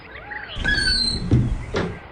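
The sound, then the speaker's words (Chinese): A door creaks open with a high, drawn-out hinge squeal as a man opens it to leave in a hurry, followed by a couple of soft clunks and rattles, with no one speaking. “大宝说完打开门匆匆地走了。”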